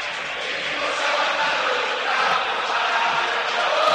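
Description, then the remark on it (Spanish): A stadium crowd of white-and-red 'millonario' football fans at the Monumental, before a match against Atlético Tucumán, chants and roars in a dense, continuous wash of massed voices, holding steady and swelling slightly toward the end. “El pueblo blanco y rojo, el pueblo millonario grita en el Monumental.”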